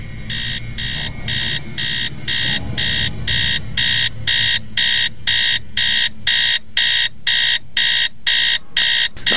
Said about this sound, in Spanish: Maldito despertador, pero si apenas son las 4:15 de la mañana.